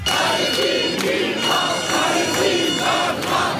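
A large crowd of protesters chants loudly in unison, their voices merging into a dense, steady roar punctuated by rhythmic accented beats about twice a second.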